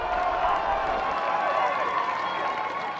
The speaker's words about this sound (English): Crowd trying to urge on Rodriguez.